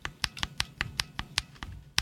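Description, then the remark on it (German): A lubricated (oiled) mechanical keyboard switch pressed repeatedly, about ten soft, muted clacks in a steady quick rhythm, fairly quiet, with no talking. “Und dem gegenüber stehen dann Tastenschalter, die eben zum Beispiel geölt sind.”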